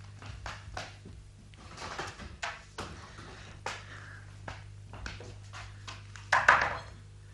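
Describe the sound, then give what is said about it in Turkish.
A door is pushed shut and locked: a series of sharp clicks and knocks from handling the latch, ending in a louder rattling clunk, over a low steady hum. “Kapıyı kilitlemeliyim.”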